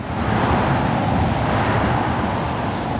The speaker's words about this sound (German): Der Kreisverkehr Stahnsdorf-Waldschenke. Ohne Pause fahren Autos hier entlang.